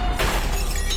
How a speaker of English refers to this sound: That's the sound of a car mirror meeting an underground parking pillar. It came out of nowhere.